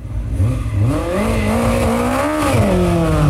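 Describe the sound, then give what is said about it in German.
Race car engines roar loudly and continuously at a hill climb race in Eichenbühl, their pitch rising and falling as they rev and shift through gears, with the deep mechanical drone of more than one engine. “In Eichenbühl, da haben dagegen beim Bergrennen die Motoren ordentlich gedröhnt.”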